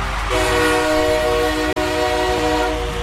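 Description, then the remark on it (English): A train horn blares in a long sustained chord over loud rumbling rail noise, cutting out abruptly for an instant before resuming; no voices are heard. “Here for the next couple of hours, we're going to see the feel good tunes in now with our groovy train.”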